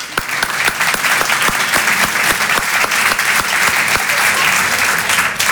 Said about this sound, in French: Applaudissez les hétérosexuels.